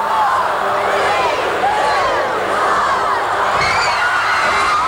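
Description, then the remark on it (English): An arena crowd at a Baltimore Blast game shouts together, counting down the final seconds of the game, a loud dense roar of many voices with rising whoops and cheers throughout. “Game ends with a countdown.”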